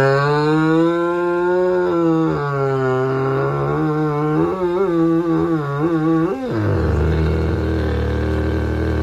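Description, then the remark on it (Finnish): Kaylee Hood's dog lets out a long, drawn-out moo-like howl with wavering pitch, sliding up and down before dropping into a low, rough growl at the end. No one speaks. “Tää oli siis koira.”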